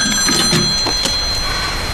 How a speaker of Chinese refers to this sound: 这么晚了谁给你打电话呀？